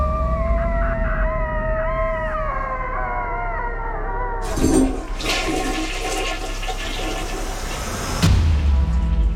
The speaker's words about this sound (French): Il court s'enfermer au water, où il pousse un long cri de désespoir. Tel un coyote au milieu du désert.